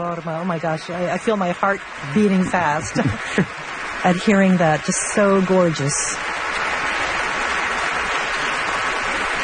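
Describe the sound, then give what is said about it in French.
A large audience applauds steadily at a curtain call at the Metropolitan Opera as the artists come onstage to bow, a dense sustained clatter of clapping heard under a man's voice talking, then continuing on its own once he stops. “Certainement les artistes du côté du Metropolitan Opera qui vont venir saluer la foule, venir se présenter sur la scène pour les salutations.”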